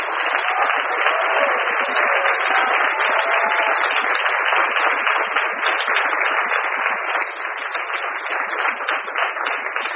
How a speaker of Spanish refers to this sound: Así que un aplauso y gracias.